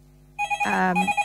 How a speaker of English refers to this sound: sorry, the phone's ringing there.